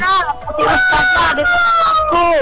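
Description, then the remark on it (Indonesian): A rooster crows loudly over a phone line, one long drawn-out cock-a-doodle-doo that holds steady before trailing off, with faint background noise underneath. “Kok ada abang apa ayam nih?”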